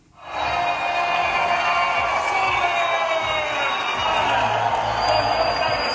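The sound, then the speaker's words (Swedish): A large crowd in Chile cheers and shouts loudly and continuously as Oliver Solberg stands on top of the podium after winning the World Rally Championship round in Chile, a dense roar of voices with whoops rising over it, sustained for several seconds. “Och vi börjar med att lyssna på lite jubel från Sydamerika.”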